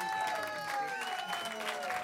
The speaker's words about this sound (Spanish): Que se escuchen los aplausos.